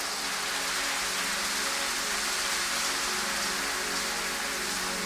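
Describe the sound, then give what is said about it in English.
A crowd at a religious gathering claps continuously for the Lord, a dense, even wash of many hands that stays steady and loud for the whole stretch, with no clear voices breaking through. “And are you clapping or you are doing something like clapping? Give the Lord a higher clap.”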